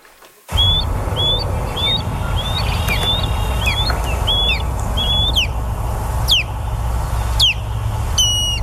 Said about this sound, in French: Ce qu'on entend là, c'est les cris de balbuzards pêcheurs. Ce sont ces oiseaux de proie.